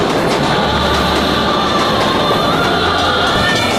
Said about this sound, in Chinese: 长这么大，第一次坐这么久的火车